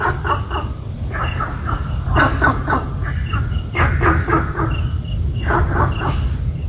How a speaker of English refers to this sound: I have for you an audio recording of Gunther's frog in Singapore.